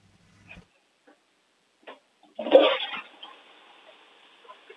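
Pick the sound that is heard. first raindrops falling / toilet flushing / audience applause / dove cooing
toilet flushing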